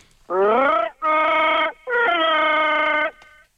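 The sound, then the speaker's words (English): A man's voice imitates the growl of Chewbacca from Star Wars in three loud, drawn-out bursts, the first bending upward in pitch, each a rough, strained howl with short pauses between. “Give us your Chewbacca, mate.”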